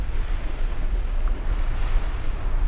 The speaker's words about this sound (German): An der südlichsten Spitze Amerikas, im äußersten Süden von Argentinien, auf der Insel Feuerland, wo der Wind über den Atlantik an die Küste peitscht